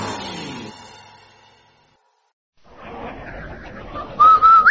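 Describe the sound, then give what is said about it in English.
A ringing musical tone fades into silence, then a rustling, noisy stretch ends with a loud whistle by a man on an old radio show, the whistle signalling the Rinso soap sponsor: a short held note that slides upward, brief rather than a full tune. “Hey, Andy, did you hear that man whistle?”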